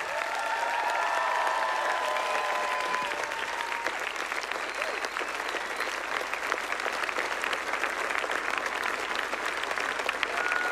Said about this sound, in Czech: Oni neustále s telefonem a s dalšími pomůckami pomáhali řídit, aby všechno dopadlo tak, jak má, a aby vychytali všechny problémy, které nastaly a nastávají. Samozřejmě dokážete si představit, že to není bez problému. Takže velký potlesk pro ně.